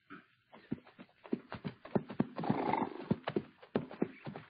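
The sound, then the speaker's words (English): A dog-tired roan horse clip-clops along in an uneven trot under the desert sun, hooves thudding in quick repeated beats, with a brief whinny rising amid the hoofbeats as it pulls up. No one speaks. “Only when the dog-tired roan pulled up alongside him did Hoppy understand it.”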